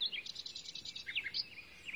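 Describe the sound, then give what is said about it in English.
A bird sings quietly alone, a rapid run of high, repeated chirping notes followed by looser, varied whistled phrases, continuing steadily throughout with no voices present. “Got some bird sounds here.”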